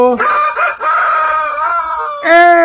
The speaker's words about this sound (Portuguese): galo velho.